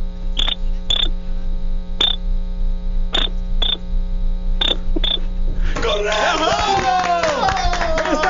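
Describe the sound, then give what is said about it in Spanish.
Sharp, high-pitched clicks tap out an uneven Morse-code pattern, seven in all, with a steady hum underneath. Then a loud, chaotic burst of mixed noise takes over. “Me dicen que necesitamos hacerlo en clave morse. Que ándale. Hagas 2 cortos, 1 largo, 2 cortos.”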